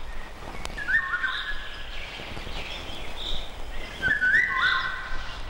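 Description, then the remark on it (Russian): Two fluting, whistled phrases of a Eurasian golden oriole ring out clearly, a few seconds apart, over a steady hiss of damp forest ambience, in a June forest before sunset after a short summer rain; no voices. “В июньском предзакатном лесу после короткого летнего дождя во влажном воздухе хорошо слышна песня иволги.”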